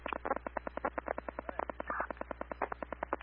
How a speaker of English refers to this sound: This is phone call. This is an open line. I can hear people talking. It seems there is an emergency at Hobby Lobby.